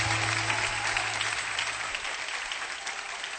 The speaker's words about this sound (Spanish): esas palmas a tu Dios. Aleluya.